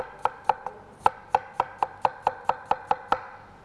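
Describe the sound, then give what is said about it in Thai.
A knife chops red apple, skin left on, into small pieces on a cutting board for a blender to make sauce, about a dozen crisp knocks in a quick even rhythm. No one speaks. “แอปเปิ้ลเนี่ยเราต้องใช้ทั้งเปลือกเพราะว่าเราจะได้สีของเปลือกด้วยนะคะแล้วก็ได้วิตามินจากเปลือกด้วยแล้วก็ใส่แอปเปิ้ลหั่นชิ้นเล็กๆใส่ลงไปในเครื่องปั่นเดี๋ยวเราจะปั่นเป็นซอสเลยนะคะ”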